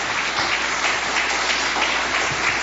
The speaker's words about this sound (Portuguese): Vamos receber o homem de Deus aplaudindo a Jesus. Aplausos para Jesus. Palmas para Jesus.